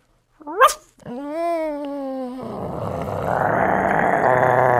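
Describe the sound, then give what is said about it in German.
A person mimics a small dog that grows bigger: a sharp rising yip, then a sustained whiny vocal tone that turns into a rough, breathy growl, fairly loud with no other sounds. “Ein kleiner Hund.”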